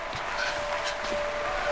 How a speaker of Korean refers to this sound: 들리냐 저 소리? 내 군졸 보고 다 박수치고 있단 게.